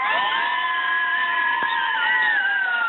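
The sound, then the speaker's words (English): The winning under-14 girls' soccer team, Advanced Dental, cheers loudly and steadily, a dense high-pitched wash of shouting and whooping that holds at full volume without a break for the whole three seconds. “Can we get one big cheer from our winners?”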